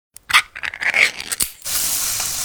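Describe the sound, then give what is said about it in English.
A burst of crackling, scraping noises gives way to a steady, loud hiss of Spam sizzling in a pan, holding evenly to the end with no voices. “That's the Spam brand singing you a love song. Spam. Sizzle.”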